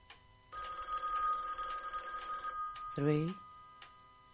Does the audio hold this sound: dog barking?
no